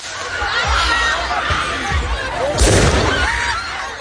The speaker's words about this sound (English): You can just hear what seems to be fireworks going off there.